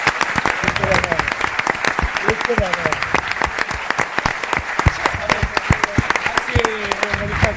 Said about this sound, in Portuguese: pedirvos que vos aplaudades a vos mesmos, porque sois casi 300